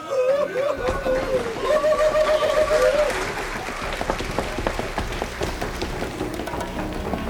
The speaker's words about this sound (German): Kandidat Nummer 2. Auf die Bühne. Der Feuerdrache. Applaus.